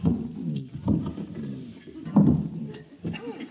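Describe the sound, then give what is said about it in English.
A heavy wooden chair is moved closer to the fire, scraping and bumping across the floor in several short, rough drags, with low creaks between the pushes. “I think I'll move my chair a little closer to the fire.”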